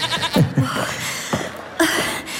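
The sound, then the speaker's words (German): A goat bleats in short, wavering calls, a few quick cries close together and then another after a pause, clear against light background noise. “Ja, man hört das Meckern der Ziege.”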